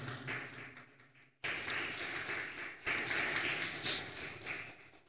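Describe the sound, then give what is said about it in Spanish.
A crowd breaks into sustained applause for the Lord, dense overlapping claps that swell in bursts and keep going steadily for several seconds, with no voices standing out. “¿Cuántos le dan un aplauso poderoso al Señor?”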